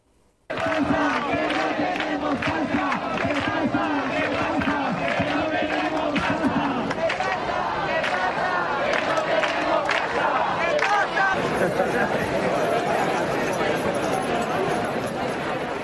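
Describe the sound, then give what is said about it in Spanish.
A crowd of housing protesters in the streets of Murcia, Spain, chants and shouts demands in rhythmic unison, with a dense wash of jingling keys shimmering throughout, the noise loud and sustained from start to finish. “Inevitablemente, el sonido de las llaves y de las reivindicaciones de los manifestantes ayer en las calles de Murcia en la lucha por la vivienda.”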